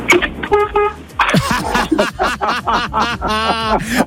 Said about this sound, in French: Bon, faites-moi écouter le klaxon de la voiture, s'il vous plaît.